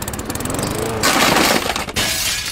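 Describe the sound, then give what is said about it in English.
Over a steady low mechanical drone, window glass suddenly shatters with a loud, bright crash, followed by a harsh spray of breaking shards that cuts out briefly before the noise resumes. “Now we've got to replace the whole window frame and all.”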